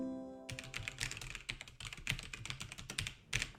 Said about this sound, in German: Ich mache mich jetzt auf jeden Fall mal an den Computer. Hier, ich habe meine Tastatur dabei.